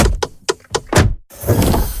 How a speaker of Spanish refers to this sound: Así suena la Volkswagen Caddy e-Hybrid.